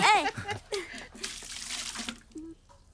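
Water is poured steadily into a washbasin for washing a face for about a second, a splashy rush that stops abruptly, preceded by a brief voice and followed by light clinks and faint movement.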